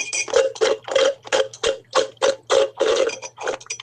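Someone slurps through a straw at the bottom of an empty iced coffee cup, a run of about a dozen short, raspy sucking gurgles in quick, uneven rhythm, with a low steady hum underneath.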